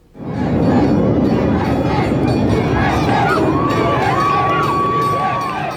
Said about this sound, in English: Cheering and chanting USA, tens of thousands of locals and visitors gathered along Park City's Main Street for the town's annual 4th of July parade.